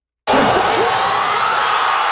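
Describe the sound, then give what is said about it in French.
A loud roar of football fans cheering bursts in suddenly and stays strong, a dense wash of shouting voices with scattered higher whoops and yells, at the final whistle as Canada's men's soccer team beats South Africa 1-0 to reach the World Cup round of 16. “Explosion de joie.”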